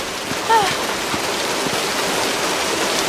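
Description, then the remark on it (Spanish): Steady rain hisses throughout, a dense, even patter that fills the background at a constant level, with a brief high squeak or chirp near the start. “Llevo horas bajo la lluvia.”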